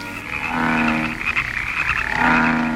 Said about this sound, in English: Oh, these frogs are driving me out of my mind. There, one less anyway. This is too much. There's a frog in the milk jug. And in the butter dish. Get out, you filthy brutes. There's another over in the corner.